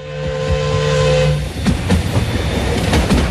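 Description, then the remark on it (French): A crowded train with added carriages, on the rails as it stops shortly before Zollikofen station to let another train pass. A sustained, steady tonal squeal for the first half is followed by loud, irregular clanking and clacking of wheels and cars as it slows. “Ce 17 août, tôt le matin, le convoi, auquel on a rajouté des wagons, tous bondés, s'arrête peu avant la gare de Zollikofen pour laisser passer un autre train.”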